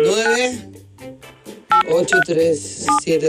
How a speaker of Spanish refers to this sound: Ahora marca el número. ¿Y era?